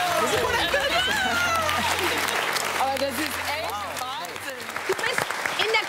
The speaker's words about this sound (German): Das ist euer Applaus!